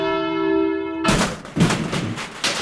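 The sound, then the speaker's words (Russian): A caller's phone call from Ivanovo Oblast drops over a bad connection: a steady buzzing line tone holds for about a second, then cuts abruptly into loud, harsh bursts of crackling static that pulse unevenly until the end. “Вот мы слышим, что ваш звонок сорвался.”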